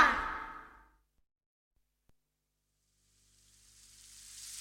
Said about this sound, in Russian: Ой, смотрите, все-таки дождь пошел. Давайте спрячемся, быстрее. Мне наоборот нравится такой дождь. Он ведь совсем небольшой.